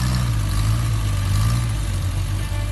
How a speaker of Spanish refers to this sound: hay coches que hicieron historia. Y el próximo 18 de octubre volverán a rugir en Tarancón.